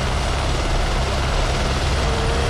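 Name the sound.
helicopter rotor noise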